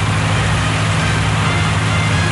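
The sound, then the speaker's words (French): The engine of a boat approaching port drones steadily with a deep, throbbing low hum beneath broad rushing noise, loud, holding even throughout with no voices. “Vous entendez le bateau. Ils ne vont pas tarder à arriver au port.”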